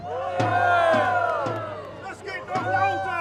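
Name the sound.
crowd cheering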